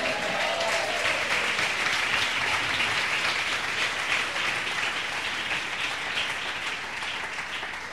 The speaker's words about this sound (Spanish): Den un aplauso, Señor.